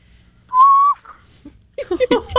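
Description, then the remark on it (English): On Elephant Day, a person voices a single high, steady, whistle-like blast, an imitation of an elephant's trumpet lasting under half a second. After a short pause, people start talking and laughing. “And the elephant sounds like... Nobody? Nobody? I'll go for it.”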